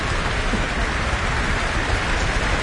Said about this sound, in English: Lots of applause here in the town hall. And enthusiasm from the orchestra too, who are stamping their feet for Bielman to come back to the stage.